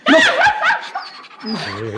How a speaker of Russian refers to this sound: Отпустите, собака на вас бросит. Я ей сейчас прикажу.